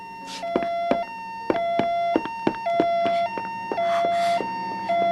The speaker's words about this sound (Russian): Полицейские машины почти на месте. Ты слышишь сирену? Нет. Да. Да, да, да. Теперь слышу.